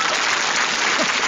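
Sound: audience applause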